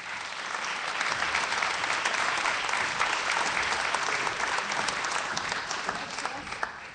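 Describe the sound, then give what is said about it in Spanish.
Sustained audience applause at Radio Nacional for two former radio colleagues, a dense, steady crackle of many hands clapping at an even level without a break, with no voices standing out above it. “Un aplauso.”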